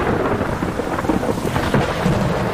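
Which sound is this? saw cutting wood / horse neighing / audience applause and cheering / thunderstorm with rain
thunderstorm with rain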